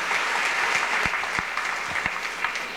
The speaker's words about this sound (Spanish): Hermanos y hermanas, para agradecer a todos por estar con nosotros aquí en el paraje centro, brindemos fuertes aplausos